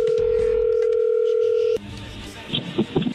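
A steady, loud telephone tone of a phone call being placed holds at one pitch for nearly two seconds, then cuts off abruptly, leaving quieter line noise and a few faint voice-like bursts.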